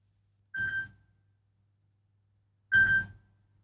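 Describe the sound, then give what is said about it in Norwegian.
A telephone rings twice, two short electronic trills about two seconds apart, clear, with silence around them and no one speaking. “Det ringer, det ringer. Hør, hvem kan det være?”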